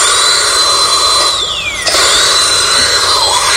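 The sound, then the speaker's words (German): A loud, high-pitched dentist's drill whines continuously, its pitch sagging downward as it bears in, briefly cutting out, then rising back to a steady shrill whir. No voices are heard. “Eigentlich hätte er in Zähnen Herrn Bund bohren müssen.”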